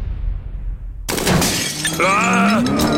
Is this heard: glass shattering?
yes